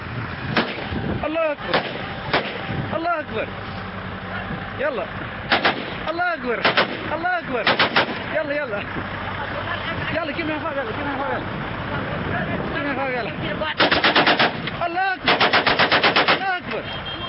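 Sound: gunfire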